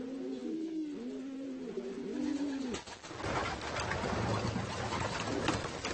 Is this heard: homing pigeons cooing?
yes